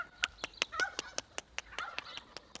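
Turkeys gobbling and clucking as they are being fetched, a steady run of short, sharp calls repeating every fraction of a second with some softer warbling in between, and no one talking.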